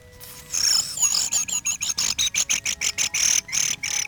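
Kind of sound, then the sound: bird, thrushes singing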